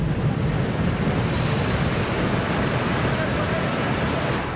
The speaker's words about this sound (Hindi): जम्मू कश्मीर के राजौरी में जोरदार बारिश के चलते बदल गए हालात, उफान पर नदियों का पानी। राजौरी के निचले इलाकों में भरा बारिश और नदी का पानी, बाढ़ जैसे हालात।